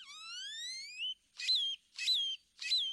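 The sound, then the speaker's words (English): A great-tailed grackle's song: a long, rising, reedy whistle followed by three evenly spaced harsh, metallic bursts, loud with no other sounds around it. “Songs can also be dry and mechanical, like this chipping sparrow's, or jumbled and metallic, like this great-tailed grackle's.”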